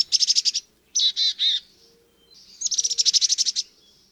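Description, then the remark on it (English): A chickadee calls with no one talking: a quick run of high chips, three harsher buzzy notes, then another rapid burst of bright chattering notes. “Want to spot a migrating warbler this September? Follow the sound of a chickadee.”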